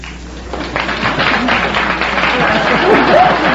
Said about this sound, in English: Keep applauding, kids. Keep applauding.